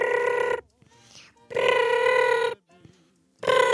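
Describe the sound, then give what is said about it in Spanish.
A telephone rings loudly in three bursts of steady, buzzy tone separated by short pauses, with a faint voice murmuring in the quiet gaps between rings. “Resulta y resalta que nosotros cuando queríamos saber de alguien, haz de cuenta que hablabas por teléfono, ¿no?”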